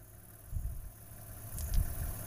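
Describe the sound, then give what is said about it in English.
A car engine idles with a low, steady rumble, swelling briefly into a couple of heavier throbs before settling again. Fairly quiet, with no talking. “Sorry, the car.”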